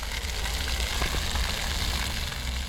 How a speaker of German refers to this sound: Im roten Pflaster ein flaches Brunnenfeld. Wasser plätschert, Kinder laufen hindurch.